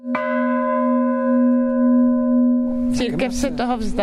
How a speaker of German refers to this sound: Wenn sie auf den Kirchturm klettert, über alte, ungesicherte Bretter, die als Stufen dienen, dann schlägt sie oben mit der Hand die Glocke an. Das ist ihr kleines Ritual.